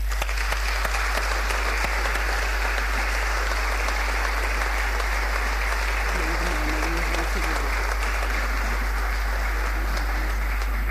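Steady audience applause as a woman is called to the stage to receive a medal of merit, a dense, even clatter of many hands clapping at constant loudness, with a faint voice briefly audible beneath it toward the end.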